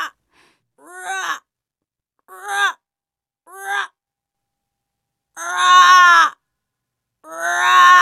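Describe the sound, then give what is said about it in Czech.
Five drawn-out, throaty raven calls ring out alone in irregular bursts, the first three shorter and softer, the last two longer and louder, with silence between them. “Jednou uviděli tři havrany. Nebyli černí, ale sněhobílí. Pak zaslechli jejich zpěv.”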